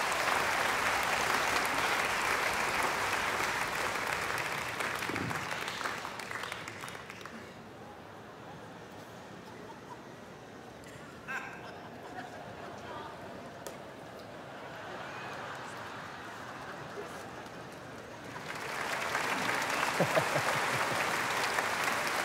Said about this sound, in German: 800 Kilo, geben Sie mal einen Applaus.